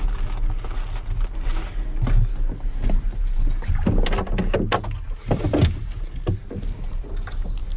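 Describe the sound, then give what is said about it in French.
A small boat moves through water at the island of Edic in Brittany, with a steady low rumble and irregular splashing and sloshing against the hull. It stays fairly loud throughout, and no one speaks. “Allez, dès que je peux, je saute dans le bateau et c'est...”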